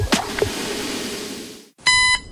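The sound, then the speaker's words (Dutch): A loud electronic alarm clock rings, a bright, buzzy tone with a steady repeating pulse, cutting in suddenly after a brief silence that follows a stretch of rustling noise and soft knocks. “Snooze?”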